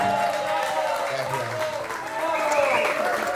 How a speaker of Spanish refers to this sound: Un aplauso.